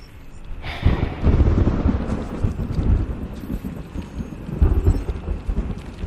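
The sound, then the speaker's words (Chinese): Heavy rain pours steadily on a rainy night while deep rumbles of thunder roll through, swelling loudly at the start and again near the end, with no voices present. “现场下雨了。”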